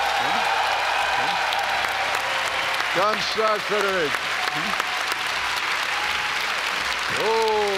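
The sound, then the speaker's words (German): A large audience applauds loudly and steadily for the whole stretch, a dense wash of clapping, while a man's voice briefly speaks over it near the middle and again at the end. “Oh, hör dir ruhig den Applaus an.”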